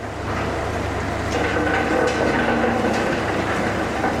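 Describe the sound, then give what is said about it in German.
A hammer mill in a factory, its rotating metal hammers crushing big chunks of gypsum (calcium sulfate) stone into small stones, fills the space with a loud, steady mechanical roar, deep rumbling underneath and a constant gritty clatter of rock being broken, with no voices. “In der Steinmühle drehen sich Hämmer aus Metall. Die zerbrechen die Steine.”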